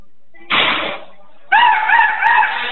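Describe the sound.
A man's voice imitates a rooster crowing: a short harsh burst, then a loud, sustained crow with warbling, wavering harmonics lasting over a second, no other talk.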